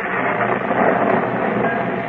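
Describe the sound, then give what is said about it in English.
A raging storm: a steady, dense roar of wind and rain that holds at an even, loud level throughout, with no voices and no breaks. “As the hours pass, the storm increases to a fury.”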